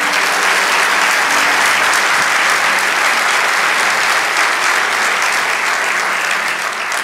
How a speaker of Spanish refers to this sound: Lo cuarto, vamos, dale ese aplauso.